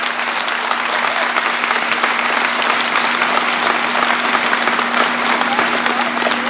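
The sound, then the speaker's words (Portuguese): Sustained applause from a large audience at a religious talk on devotion to the Virgin Mary, a dense steady patter of many hands clapping at an even loudness throughout, with no one speaking over it. “Então já vai aplaudindo.”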